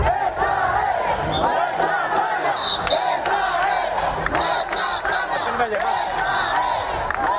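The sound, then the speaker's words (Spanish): A loud, agitated crowd in confrontation between several hundred protesters and migrants camped on the Trampolín beach: many voices shouting and yelling at once in a dense, continuous roar, with sharper cries rising above the din throughout. “Anoche en la playa del Trampolín, las autoridades tuvieron que hacer varios disparos disuasorios para evitar un enfrentamiento entre los ilegales que continúan allí acampados y varios centenares de manifestantes que se acercaron hasta la costa”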